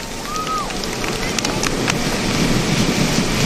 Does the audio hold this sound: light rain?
yes